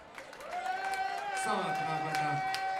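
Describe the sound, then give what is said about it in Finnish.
A brief, sparse round of applause: a few scattered claps mixed with sustained cheering or whooping voices, with steady, moderate loudness throughout. “Pienet aplodit.”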